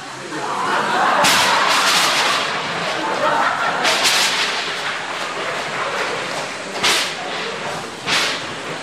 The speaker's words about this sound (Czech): Zatrolené počasí. Nebýt té bouřky, už bych tam byl.